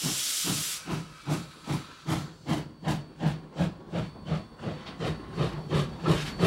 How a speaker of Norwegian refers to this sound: Der kjører toget.